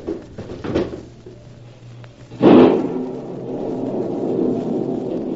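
A couple of soft knocks, then a sudden scraping thud as a window is pushed open, followed by a steady rushing noise that carries on to the end.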